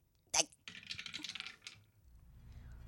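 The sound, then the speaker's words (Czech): A die is thrown onto a table: a sharp clatter hits first, then a quick run of hard tumbling and rattling across the surface for about a second before settling, fairly loud. “Hele, já vemu kostka. No, dobře. A já hazu, jo?”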